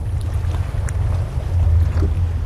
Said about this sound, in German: Ein gespenstischer Ort. Die alten Hafenanlagen stehen zum Großteil unter Wasser. Die Löschkräne ragen wie riesige Kormorane in den Nachthimmel.